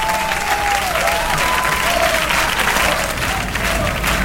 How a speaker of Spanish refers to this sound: Aplauden, aplaudan y no dejen de aplaudir. Gracias.